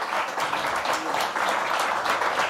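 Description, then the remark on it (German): An audience at the Berliner Hörspielfestival applauding the nine nominated artists: a dense wash of many hands clapping at a fairly loud, even level with no pauses and no voices over it. “9 sind nominiert und ich finde einfach, dass ja, es ging so nach Mini-Playback-Show, alle waren Sieger, aber ich finde, das ist wirklich, ich finde, es hat nochmal einen Applaus verdient, dass wir hier 9 Künstler und Künstlerinnen hatten.”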